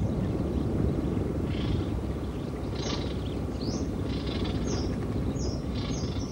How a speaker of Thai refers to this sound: ราวเดือนเมษายนฝูงนกนานาชนิดเริ่มเข้ามาทำรังวางไข่และเลี้ยงลูกน้อยที่เพิ่งถือกำเนิดขึ้นมาเสียงร้องของลูกนกปลุกให้ป่าเสม็ดที่เงียบเหงากลับมีชีวิตชีวาขึ้นมาอีกครั้งหนึ่ง